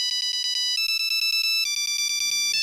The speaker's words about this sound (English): What is this on the ancient technology of a Nokia polyphonic ringtone?